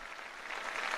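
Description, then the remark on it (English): A crowd at a port in the Canary Islands, Spain, applauds the Pope's farewell words, a dense steady patter of many hands clapping at once that swells slightly toward the end, with no voices heard over it. “That elicits another round of applause.”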